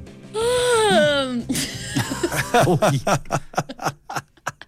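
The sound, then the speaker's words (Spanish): A voice acts out a yawning emoticon with a long, drawn-out vocal sound whose pitch wavers and slides downward for about a second, followed by short, choppy breathy sounds like chuckling. “Un emoticón, el emoticón de bostezo.”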